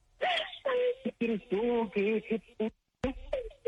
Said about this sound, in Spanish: ya, deja de llorar, …